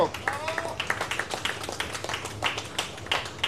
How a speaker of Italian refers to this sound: vince per neanche due decimi, un grande applauso.